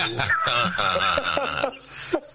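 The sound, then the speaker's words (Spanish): A continuous whining buzz like a mosquito, wavering up and down in pitch for about two seconds, then settling into a thin, steady high whine before cutting off. “Ahí está el mosquito.”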